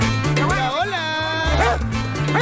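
A dog barks and yips several times in short, bright bursts, close and fairly loud, playing over a steady thumping musical backing.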